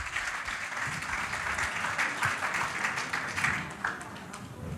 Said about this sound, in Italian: Ok, ancora un applauso per te, va? Anche per te. Grazie a tutti.